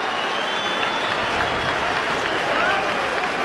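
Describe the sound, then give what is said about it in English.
A big baseball stadium crowd gives a standing ovation to a pitcher who has just become the franchise's all-time leader in innings pitched, with dense, sustained applause and cheering that holds steady and loud across the whole stretch, a broad wash of clapping from many hands. “The ovation you hear is that Kyle Freeland has just become the all-time franchise leader for innings pitched.”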